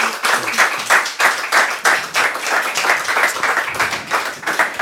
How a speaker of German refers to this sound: Deshalb herzlichen Dank und einen großen Applaus für dich.